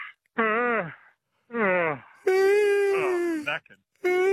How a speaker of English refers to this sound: Shall we try it? I'll just have a yawn and see if you get one.